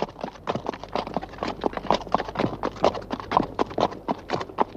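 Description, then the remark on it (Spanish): Horse hooves clip-clop in a steady, brisk rhythm of sharp, hollow knocks, with no voices and a faint low hum beneath. “El primer ferrocarril de caballos que funcionó en Europa fue construido entre Linz, Austria, y České Budějovice, en la actual Chequia.”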